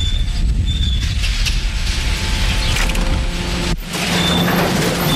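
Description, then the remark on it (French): A bag-opening machine at a recycling sorting plant for door-to-door selective collection, opening about 95% of the bags onto a belt, runs with a loud, steady mechanical roar, heavy low rumble and clattering, dipping briefly before resuming; no one speaks. “Ici, on est dans le domaine de l'ouvreur de sacs. Hein. C'est une machine qui nous permet de nous ouvrir, on va dire, 95% des sacs.”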